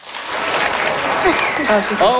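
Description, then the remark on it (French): An audience breaks into steady, dense applause to vote on who would like to hibernate from September to June. The applause holds at a loud level throughout, with a few shouts and whoops rising above the clapping near the end. “Alors, par applaudissement, qui aimerait ici pouvoir hiberner de septembre à juin?”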